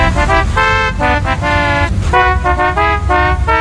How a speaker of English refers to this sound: Did you hear that, folks? Did you? Now at A&M Autoland, purchase any car and we'll program a novelty car horn with the musical phrase of your choice.